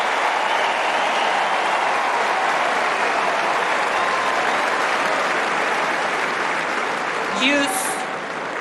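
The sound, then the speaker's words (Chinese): Sustained crowd applause at a tennis match after a good point, with Zverev also applauding his opponent, a dense, steady clapping that stays loud and even throughout, with a brief voice cutting in faintly near the end. “小弗列夫也是为对方送上了掌声啊。”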